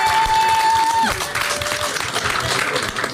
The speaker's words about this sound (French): Waouh, bravo, on peut l'applaudir aussi. Hein. Bravo, franchement.